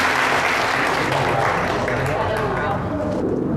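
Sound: audience applause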